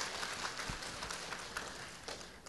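Steady audience applause of thanks, a dense wash of many hands clapping without pause for a couple of seconds, fairly soft overall with no voices rising above it.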